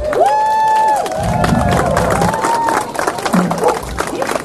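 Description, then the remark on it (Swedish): A crowd breaks into loud, sustained applause with whistles and cheers for the volunteers working at the event, clapping dense and continuous throughout, a few shouts rising above the noise. “Och sen är det jättemånga här som är här, som jobbar idag, som har jobbat tidigare, och alla jobbar ideellt, och det tycker jag att de ska ha en stor applåd för.”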